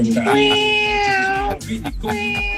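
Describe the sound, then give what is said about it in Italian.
A voice imitates a cat meowing: one long, drawn-out meow that slowly falls in pitch, then a short pause and a second meow, fairly loud. “Vabbè, hai parlato di gatti e vengono fuori lui i gatti.”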